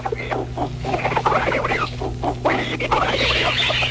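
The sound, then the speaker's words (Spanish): A flock of frightened birds, macaws and magpies among them, squawks and chatters as they flee in the same direction, a busy, overlapping clamor of many calls at once over a steady low hum, sounding agitated without a break. “Muchos pájaros huyen asustados.”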